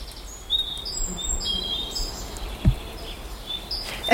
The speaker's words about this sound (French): Je crois qu'il y a de la rivière, il y a des oiseaux qui chantent, il y a du vent, du coup les feuilles elles bougent, du coup ça fait du bruit.